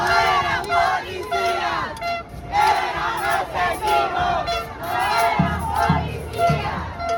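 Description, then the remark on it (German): A large protest crowd, demonstrating against rising prices and the government, shouts and chants together, voices rising and falling in loud, dense waves, with occasional sharper cries and a low rumbling beat underneath toward the end. “Statt eines normalen Sommers stehen aber Proteste an der Tagesordnung.”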